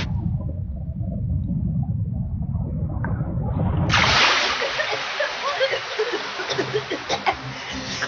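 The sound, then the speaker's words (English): A deep, muffled rumble of churning water gives way to a loud ocean wave crashing over swimmers near the edge of a reef, followed by several seconds of fizzing splashes and bubbling surf. “Just stay calm and here comes another wave.”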